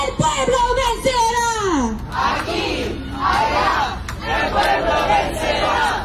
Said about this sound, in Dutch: Het volk zal overwinnen, roepen deze demonstranten.